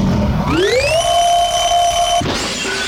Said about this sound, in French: Ceci était un réveil, je ne vous apprends rien. Niveau sonore, 80 décibels.